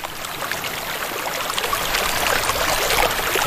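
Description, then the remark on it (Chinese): A small stream burbles and trickles steadily, its splashy rush growing slightly louder toward the end, with no voices present; a chameleon has to wade across the stream to get back to its territory. “当这只体态优雅的琥珀变色龙躲在树叶下避雨时，另一只运气稍差的变色龙却不得不趟过小溪，回到自己的领地。”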